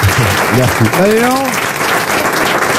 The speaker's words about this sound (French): On l'applaudit.